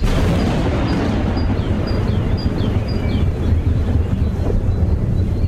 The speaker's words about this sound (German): Der Wind frischte auf.